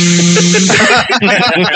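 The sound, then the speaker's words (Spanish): A loud blender whirs with a steady motor whine that shifts into a rougher, churning grind, running continuously with no talking over it. “a diferenciar el sonido que produce una aspiradora que es... al de una licuadora que es...”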